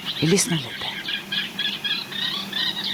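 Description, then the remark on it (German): Reed warblers sing in the middle of the night, broadcast live on Swedish radio: a steady run of scratchy, chattering phrases repeated in quick succession, clear, with a brief voice-like sound at the very start. “Jetzt haben die Rohrsänger angefangen.”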